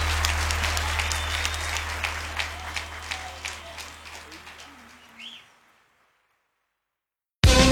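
Audience applause, a dense, sustained patter of many hands clapping with some cheering, fading out after about five seconds into silence before a brief burst of sound at the end.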